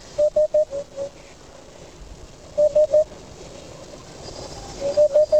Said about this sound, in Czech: Tak to je, vážení a milí posluchači, skutečně dudek chocholatý. Žádný holub hřivnáč, i když to může být podobné.